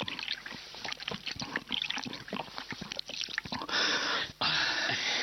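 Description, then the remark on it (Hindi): Water being poured for a thirsty person to drink in hot weather pours and splashes in an irregular stream with dribbling trickles, growing into a steadier, louder rush near the end with a brief break before continuing. No one speaks. “इतनी प्यास लगी है, जरा पानी पिलाओ, गला सूख रहा है।”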